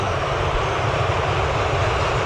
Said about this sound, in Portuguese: Nem a bomboneira faz esse barulho. Poxa vida, olha, cada toque de bola do Equador é vaia em cima de vaia.